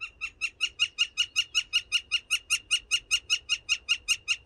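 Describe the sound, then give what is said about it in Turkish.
A recorded bird call, shared on eBird's Macaulay Library sound platform, repeats steadily, about twenty evenly spaced bright notes in quick succession, each with a sharp high-pitched harmonic ring, over faint low background noise and no talking. “Ve eBird'ün kuş sesi ve görsel işitsel platformu Macaulay Library'sinde, kütüphanesinde paylaşmışlar.”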